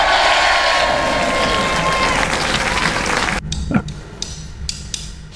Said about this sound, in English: I'm going to give you a little cheers. Here we go. This is for you all.